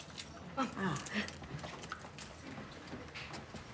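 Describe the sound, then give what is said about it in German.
Keys jingle and clink, with a few sharp metallic clicks like a key turning in a lock as a key is tried in the lock of a room door, then quieter rustling with faint voices in the background. “Ach, nee, wir haben, passt der Schlüssel auch da? Klutsch, Klutsch, Tag.”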